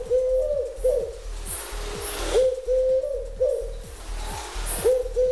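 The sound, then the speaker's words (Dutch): A Eurasian collared dove coos repeatedly in a steady rhythm of soft, hollow phrases, clear against a low background rumble, with no one speaking. “Misschien is het goed om heel even te laten horen hoe een Turkse tortel ook alweer klinkt.”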